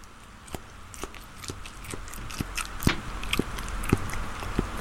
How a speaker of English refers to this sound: It's a very small man eating what is actually a very large bit of food.